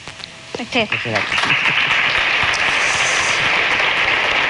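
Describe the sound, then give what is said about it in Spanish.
Theatre audience applause as an honorary distinction is collected: a dense, steady wash of many hands clapping that swells quickly and holds at a loud, even level, with a few brief voiced bursts near the start. “Emoción en el teatro y merecido reconocimiento y aplauso.”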